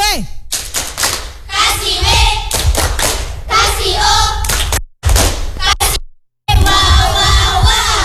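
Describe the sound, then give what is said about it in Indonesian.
A group of children doing the 'Tepuk W.O.' clap for three classmates clap their hands in a quick rhythmic pattern while chanting loudly together, with a couple of brief pauses before the clapping and voices start up again. “Iya, kita tepuk W.O. dulu buat bertiga. Tepuk tangan dulu.”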